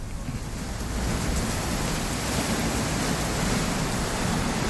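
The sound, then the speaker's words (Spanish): A steady, dense roar of heavy rain pours down without pause in Chiguayante, with a low rumble of wind swaying the trees mixed in, loud throughout, and no voices. “La lluvia en Chiguayante.”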